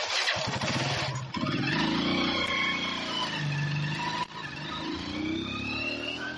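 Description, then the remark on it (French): A motorcycle engine runs steadily and loudly as riders tour gas depots and service stations in Yaoundé, its pitch rising and falling as the rider accelerates and eases off, with a brief dip partway through. “À bord d'une moto, nous faisons le tour des dépôts de gaz et stations-service.”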